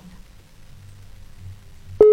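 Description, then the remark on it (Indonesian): A faint low background hum runs quietly, then a loud, steady telephone tone of an outgoing call abruptly cuts in right at the end. “Aduh, coba kita telepon dulu aja ya”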